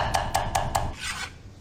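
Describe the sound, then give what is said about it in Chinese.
A knife minces 20 grams each of garlic and ginger on a cutting board while a cooking ingredient is prepared: four quick, evenly spaced chops, then a brief scraping sweep across the board, with no talking. “准备大蒜和生姜各20克，剁碎备用。”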